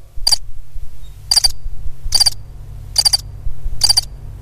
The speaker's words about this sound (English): Isn't that lovely? I've got some birds somewhere. I've got some birds somewhere.